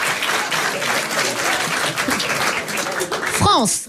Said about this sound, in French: Voilà. Voilà. C'est des applaudissements.